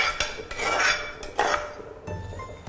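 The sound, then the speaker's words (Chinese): Rice being tipped into a congee pot of mung bean seafood soup made with clam broth: soft splashing and sliding bursts mixed with clinks and scrapes of a utensil against the pot, moderately loud, with no one talking. “就把这个米，我们就进到这个绿豆汤里边了。”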